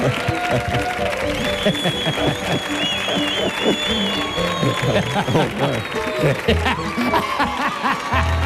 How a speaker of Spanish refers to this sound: Fuerte el aplauso